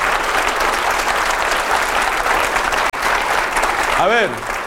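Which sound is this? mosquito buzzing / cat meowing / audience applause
audience applause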